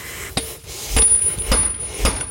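A farrier shoeing a horse: four sharp metallic hammer strikes, about half a second apart, each leaving a thin high ringing tone. No one speaks.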